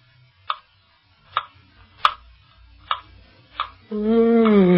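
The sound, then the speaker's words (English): A clock ticks slowly and steadily, five crisp, fairly loud ticks spaced under a second apart over a quiet low hum, then a sustained ringing tone takes over at the end. “We have waited an hour by that clock.”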